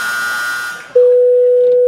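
A telephone dial tone as someone goes to make a phone call: a steady, loud, single low-pitched hum that holds for about a second after a burst of hissy noise, then cuts off with a click.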